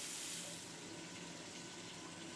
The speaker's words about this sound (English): We lightly sauté the cornmeal and keep adding the water we cooked the bacalhau in, little by little, until it's tender all the way through.